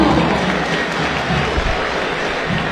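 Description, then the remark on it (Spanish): A stadium crowd applauds player Lautaro Rivero, number 13, as he is announced, with steady, moderately loud clapping that stays even throughout, a dense wash of hands and crowd murmur without whistles or cheers standing out. “Poquito para Rivero, pero sin silbidos.”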